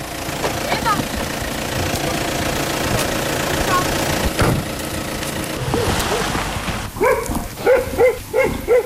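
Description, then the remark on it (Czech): A German car's engine idles with a steady low rumble throughout as it arrives in a village centre beside a church, school and municipal office, then a few short barks and voice-like bursts break in over it near the end. “Zřejmě všichni se sjíždějí, i když to je německé auto, tak ten asi na mši nejde.”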